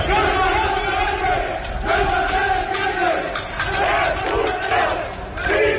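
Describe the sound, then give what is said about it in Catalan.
A crowd of rioters in Ceuta shouting and yelling together after a demonstration against the presence of immigrants, a loud, continuous roar with overlapping voices rising in repeated surges and sharp sporadic bangs cutting through. “Conflicte que va esclatar després d'aquesta concentració amb aquests crits que sentim”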